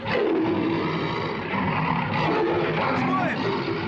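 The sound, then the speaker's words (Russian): Caged tigers and lions, being loaded onto a ship's deck, roar and growl in a loud, continuous, overlapping din, with the rumbling calls swelling and fading over a few seconds and indistinct voices mixed in. “На палубу грузят клетки с тиграми и львами.”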